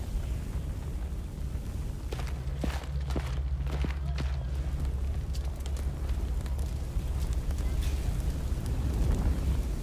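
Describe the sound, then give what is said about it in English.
A continuous deep rumbling roar of explosions from planted explosives and time bombs and the burning city of Kiev, with scattered sharp crackles and thuds breaking through, steady and fairly loud throughout with no voices. “The Red Army had evacuated Kiev 2 days earlier, but the Soviets had planted explosives and time bombs, which cause extensive damage.”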